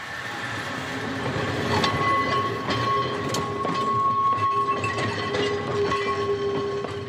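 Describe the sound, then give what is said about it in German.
A historic tram rolls slowly downhill along rails, its wheels clicking and squealing faintly over the joints amid a continuous mechanical rumble and hum, with no talking. “Mehr als 30 historische Wagen gehören zur Flotte der beiden Straßenbahnlinien.”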